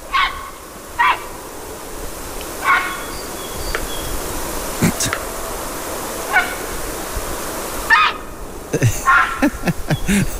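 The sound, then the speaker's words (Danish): A heron gives a series of harsh, hoarse croaking calls at irregular intervals over a steady background hiss, with the calls crowding closer together toward the end. “Jeg gætter på, at det er en hejre. Det er rigtigt.”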